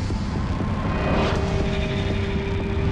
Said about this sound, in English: Slowly, she rises, contemplating the vehicles whizzing past in each direction.